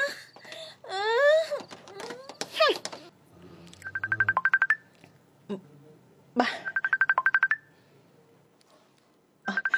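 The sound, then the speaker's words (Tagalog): A cellphone rings with an incoming call in repeated short trilling bursts, each about a second long with pauses between. Before the ringing, a voice wails and moans loudly. “nagpanawag sa cellphone ko.”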